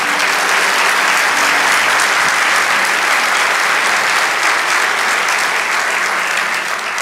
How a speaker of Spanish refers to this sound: Lo cuarto, vamos, dale ese aplauso.